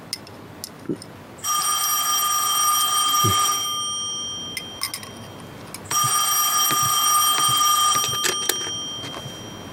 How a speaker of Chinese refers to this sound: 喂，啊，稍等啊，电话。